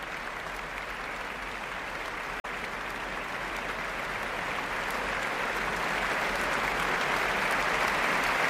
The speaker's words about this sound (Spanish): Más aplausos para la concertino de la Orquesta Nacional de España, Valerie Steenken, que sale de nuevo a saludar.